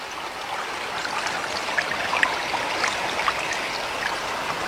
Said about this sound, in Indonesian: Wah, air sungai ini deras sekali.